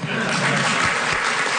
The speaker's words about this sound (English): You can applaud now.